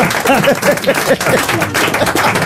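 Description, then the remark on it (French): An audience applauds the Legault brothers and Laurent Ruquier with dense, continuous clapping that fills the whole stretch, with some voices whooping or cheering through it near the start. “On applaudit les frères Legault.”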